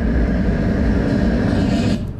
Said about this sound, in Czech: Teď jsem zvedl ruku, protože jsem slyšel hukot, jak se blíží tramvaj. Jak daleko jsem byl? Tramvaj jste uslyšel zhruba ve vzdálenosti 43 metrů.